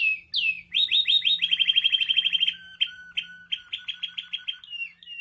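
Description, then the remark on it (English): Show birds at a bird show chirp and sing in fast, bright trills and repeated sharp tweets, loud and continuous with no voices. “And if your bird's too loud, well, please. You just need to breed some quieter birds.”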